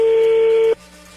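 A telephone number being dialed: one steady, mid-pitched electronic tone holds for under a second, then cuts off abruptly, leaving only a faint low hum.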